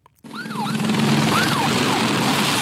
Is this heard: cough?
no